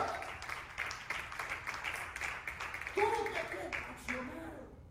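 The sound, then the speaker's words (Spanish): A church audience breaks into sustained applause, a dense, steady wash of clapping that fills the whole moment, with a few voices calling out over it toward the end. “Por favor, denle un aplauso, señor, esta noche.”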